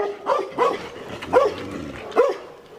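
animal, dogs barking

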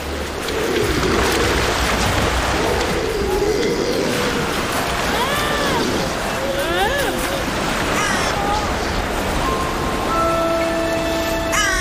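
bird, crows cawing

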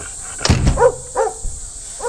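animal, dog barking

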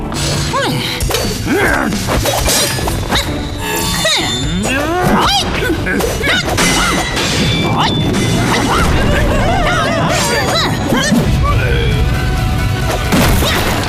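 impact, objects being smashed

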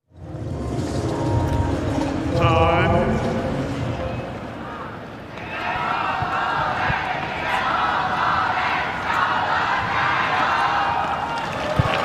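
crowd, stadium crowd cheering

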